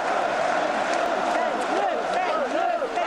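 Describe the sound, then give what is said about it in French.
A rally crowd beneath the statue of Joan of Arc on 1 May 2002 celebrating Jean-Marie Le Pen's electoral success after the first round of the presidential elections, cheering in a steady, loud roar, with many overlapping voices shouting and rising and falling in pitch for about three seconds. No single voice stands out. “À nouveau sous la statue de Jeanne d'Arc, au lendemain du premier tour des élections présidentielles de 2002, la foule célèbre le 1er mai le succès électoral de Jean-Marie Le Pen qui vient d'obtenir 17% des suffrages exprimés.”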